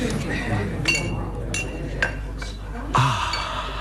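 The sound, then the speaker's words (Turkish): Glasses and plates clink against each other in a few sharp, bright taps spaced irregularly, as a package of glasses and plates is opened and unpacked, with a voice murmuring in the background. “Paketi izninizle açıyorum. Aman dikkat, kırılmasın”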